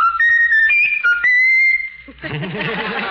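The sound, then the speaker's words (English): A talking bird whistles a short tune: a few clear, sustained, high notes shifting in pitch over two seconds, then a person's voice briefly speaks at the end. “Is that the bird doing that?”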